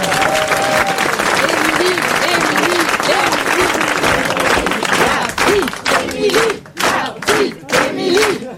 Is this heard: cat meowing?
no